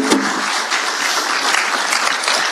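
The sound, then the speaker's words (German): Steady audience applause, a dense wash of many hands clapping at an even loudness throughout, with no voices standing out over it. “Du kriegst nochmal einen großen Applaus.”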